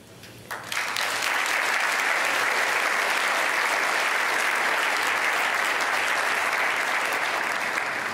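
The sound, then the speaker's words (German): Loud, sustained applause from a large audience as ARD Weltspiegel presenter Isabel Schayani is introduced for the first panel, Stresstest Europa, rising quickly after a brief quieter moment and continuing as a dense, steady wash of clapping hands with no talking. “Und hier sind so viele Menschen und klatschen.”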